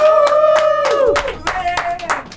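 An audience claps in loose, uneven bursts, fairly loud, while a steady high-pitched tone or cheering voice holds over the clapping and then dips.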